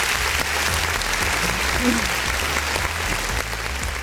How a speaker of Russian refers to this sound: Ох, не заготовил я нам опять аплодисменты.